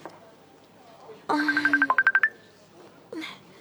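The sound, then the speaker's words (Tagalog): A cellphone rings with a loud, bright electronic tone that quickly breaks into a rapid run of about ten pulsing beeps, lasting about a second, with faint voices before and after. “daligid lang, ha. Ang cellphone ko.”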